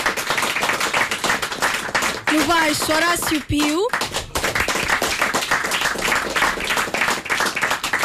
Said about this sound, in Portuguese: Novamente, uma justíssima apresentação para este público fantástico que está aqui a aplaudir, porque bem merecem.